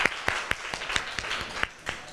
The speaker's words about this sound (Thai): อันนี้นะคะขอเสียงปรบมือให้ตัวแทนจากกลุ่มที่5นะคะ